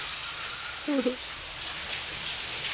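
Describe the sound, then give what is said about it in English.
A shower sprays in a steady, continuous hiss of falling water during the shower scene of a 1960 thriller film, with a woman showering; a brief faint vocal sound about a second in and no talking. “Ladies having a shower. Yeah. Jeanette Leigh. Right. Shower scene. Still having a shower.”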